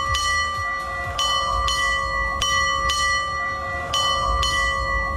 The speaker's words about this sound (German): Ja, 4 Doppelschläge und ein Einzelner, also 9 Glockenschläge insgesamt. So wusste man früher auf dem Segelschiff, dass es jetzt gerade 8:30 ist.